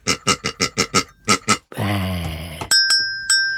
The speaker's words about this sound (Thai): กระดิ่งก็อยู่นะคะ